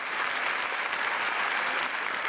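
Steady applause from an audience, a dense wash of many hands clapping at an even, fairly loud level throughout, with no clear talking over it.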